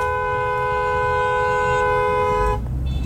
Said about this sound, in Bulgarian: Тук някой водач се изнерви, включи клаксона.